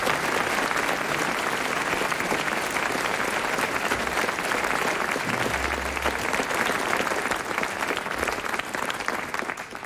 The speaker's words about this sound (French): Il a été très brillant, Hervé Le Tellier, on l'applaudit. Hein, ouais. Vraiment.